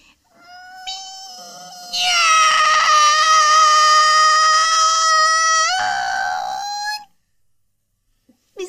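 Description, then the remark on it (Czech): A person imitates a cat with one long, drawn-out meow, a loud, sustained nasal wail lasting about six seconds that bends upward in pitch near the end before cutting off into silence. “Tak, kolínka pokrčená a už mňoukám.”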